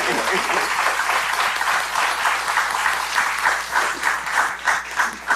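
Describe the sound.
A crowd applauds steadily for several seconds, a dense, even wash of many hands clapping with slight swells in loudness, with faint voices mixed underneath.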